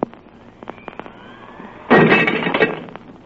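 glass shattering

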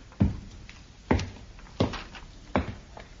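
door being opened

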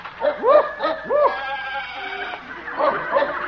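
farm animals bleating

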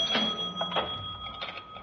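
cash register being opened

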